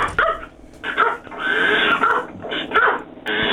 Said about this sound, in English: Dogs are barking, I can't hear a thing.